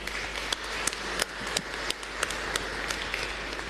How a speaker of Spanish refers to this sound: A los catequizandos, catequistas, padres de familia, coordinadores de la zona 1 de las etapas de renovación, KBB 1, KBB 2, que nos ayudaron en la liturgia, muchísimas gracias. Les animamos también a ellos con aplauso.